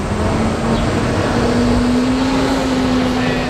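Steady, dense traffic rumble fills René-Lévesque Boulevard in downtown Montreal, with a low engine drone slowly rising in pitch as a vehicle idles or passes, continuous and fairly loud throughout.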